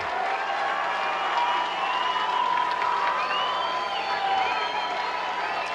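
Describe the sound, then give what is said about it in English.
A large baseball crowd at a Pacific Coast League game, Albuquerque Isotopes versus Sugar Land in the top of the ninth, roars steadily as some rise to their feet, many voices shouting and cheering over clapping, mostly in unison, that runs throughout, the whole din staying loud and even for several seconds. “Everyone making noise, most clapping their hands in unison.”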